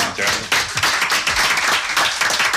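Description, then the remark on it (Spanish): A burst of steady applause in honour of a colleague on a programme, many hands clapping in a dense, continuous patter of sharp, bright claps with no pauses, holding a fairly even loudness throughout. “Se merece un aplauso.”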